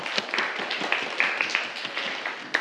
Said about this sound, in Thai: ถูกต้องครับปรบมือเลยครับนักเรียน